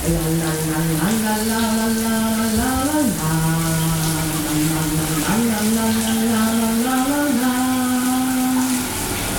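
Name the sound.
shower tap running water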